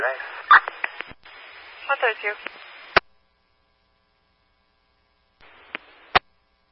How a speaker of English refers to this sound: Last unit static, unreadable.